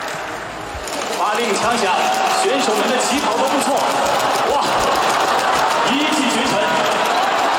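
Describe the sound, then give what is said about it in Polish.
A small robot runs on little legs with rapid, light pattering steps, a steady quick rhythm, catching up and overtaking, against a busy background of crowd chatter and voices. “To posłuchamy, jak biegnie, czy nie?”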